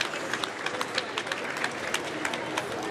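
Sustained applause from staff inside the new prime minister's new home as he arrives on his first day and is greeted by the Cabinet Secretary: a dense, steady patter of many hands clapping at once, moderately loud and continuous throughout, with no one speaking over it.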